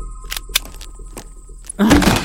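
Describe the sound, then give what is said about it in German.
A few sharp clicks and knocks, like a latch being worked, then a door swings open with a sudden louder rush and a low creak, with no voices. “Ich mache jetzt die Tür auf.”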